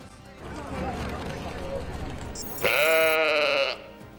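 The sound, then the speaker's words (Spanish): A single loud sheep bleat rings out for about a second, following a stretch of muffled rumbling background noise. “Tal día como hoy, de 1996, nacía la oveja Dolly, el primer mamífero clonado de la historia.”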